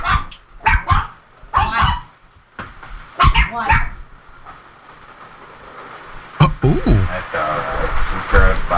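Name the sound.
dog barking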